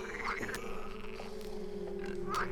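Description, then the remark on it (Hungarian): A loud, rough snore from a man asleep, a continuous throaty drone with harsher grunting swells near the start and again at the end, with no talking. “Nem is lett volna nagyobb baj, ha a nagy kanász álmában nem horkant egy akkorát, mint amilyet még az öreg matka sem hallott.”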